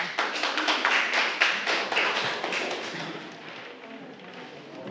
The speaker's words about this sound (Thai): เก่งมากปรบมือให้กลุ่ม2ค่ะ